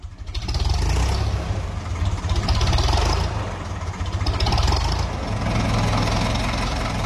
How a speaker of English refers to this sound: tractors are warming up ahead of this weekend's Pally Tractor Pool